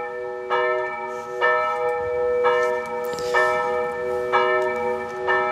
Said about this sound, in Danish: Ja, det er kirkeklokker. Det er meget tydeligt. Som end. Vi skal til byen Durup i Skive Kommune. Der blev man i nat vækket af kirkeklokker. I nat? I nat. Og de blev ved og ved og ved.